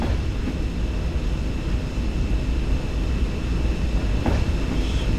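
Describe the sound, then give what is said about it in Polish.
An electric train coasts at 30 km/h with its traction motors off, giving a steady low rumble of the wagon wheels with faint high whine and a brief clack near the end; no one speaks. “To jest 30 na godzinę. I ja teraz mu w ogóle nie uruchamiam mu silników trakcyjnych, sobie tak się wlokę jak na razie po prostu, żeby”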